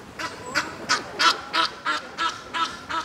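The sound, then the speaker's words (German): A duck quacks repeatedly on a pond, about nine raspy quacks in a steady, evenly spaced rhythm, moderately loud over a faint outdoor background, with no talking. “Die Vögel sind eindeutig im Vorteil, jedenfalls solange sie sich in der Mitte des Teichs befinden.”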